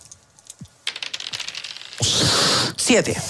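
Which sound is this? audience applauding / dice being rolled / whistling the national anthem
dice being rolled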